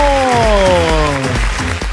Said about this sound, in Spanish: ¡Fuerte el aplauso!